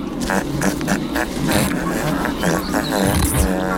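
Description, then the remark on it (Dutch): A horse outdoors on a walk makes a loud, rough, buzzing noise that runs for nearly four seconds, with raspy pulsing bursts and wavering tonal squeals layered over a low rumble. “Maar net toen hij dat op wilde nemen, ja, sorry, is gewoon heel grappig, maakte een paard dit geluid.”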